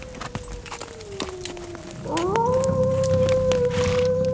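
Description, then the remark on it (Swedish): A long, wavering wolf howl drifts in from far away, sliding down then rising and holding steady, while a horse's hooves clop and shuffle, growing louder partway through. “Den där vargen är långt borta.”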